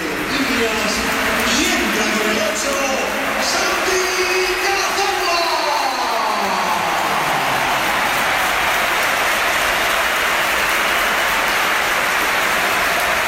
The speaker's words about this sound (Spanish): esta es la ovación que le ha dedicado el Bernabéu, que ha sido espectacular también cuando entraba el jugador del Oviedo.